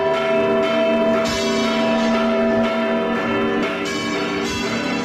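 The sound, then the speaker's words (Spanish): A special peal of the bells of the Giralda, the tower of Seville Cathedral, for Saint Peter's Day on 29 June: strikes overlap in a dense, resonant wash with strong sustained tones and fresh strokes every second or so, loud and reverberant, with no voices. “que tiene a la Giralda, la torre de la Catedral de Sevilla, como protagonista, y que se celebra el Día de San Pedro, el 29 de junio, ya desde la medianoche, es decir, del domingo al próximo lunes, y que tiene incluso un repique especial de campanas.”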